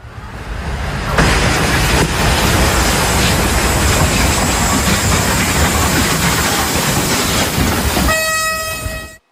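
A passenger train slams into a truck stuck on the tracks at a railway crossing in Poland: a sudden loud burst becomes a sustained roaring rumble, ending with a steady horn-like tone. No voices.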